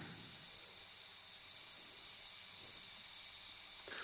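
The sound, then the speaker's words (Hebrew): Steady, high-pitched chirping of crickets fills the air in a continuous shimmering drone, soft and evenly sustained throughout, with no voices present. “אז הנה, אתם כבר יכולים לשמוע את הצרצרים ברקע.”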